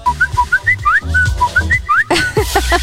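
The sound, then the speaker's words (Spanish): A WhatsApp notification jingle played on a Diversa Radio 96.7 radio program to signal that listener messages are being read: a bright whistled melody of short rising notes bounces over a steady bass beat, then breaks into a louder, fuller burst for the final second. “Empiece el sonido del WhatsApp, oído.”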